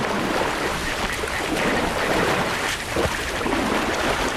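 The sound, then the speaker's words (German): Steady, dense sloshing and splashing of water as elephants wade through a swamp in the Okavango Delta, plucking grass tufts with their trunks. It continues without pause at a fairly loud level, with a breezy rush underneath and no voices. “Mit ihrem Rüssel zupfen sie Grasbüschel am Wegesrand und arbeiten sich mit vollem Körpereinsatz durch den Sumpf.”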